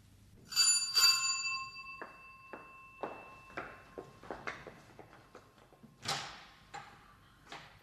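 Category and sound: household object, doorbell ringing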